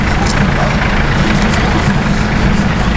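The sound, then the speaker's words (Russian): A green military hearse van's engine idles with a steady, low rumbling drone that holds an even loudness throughout, with no voices. “Что вообще, что за машина? А, ритуалка-то. Она военная, она зеленая.”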